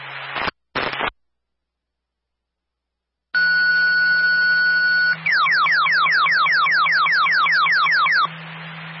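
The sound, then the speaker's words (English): A fire dispatch radio cancellation paging tone, cancelling Crossville Fire units' mutual aid response to Ludlow at 1037 Okemo Ridge Road, comes through a noisy channel: a steady electronic tone held for about two seconds, then a rapid series of rising, chirping sweeps, with hum and static underneath. “Crossville Fire, this is the cancellation tone for the mutual aid to Ludlow at 1037 Okemo Ridge Road.”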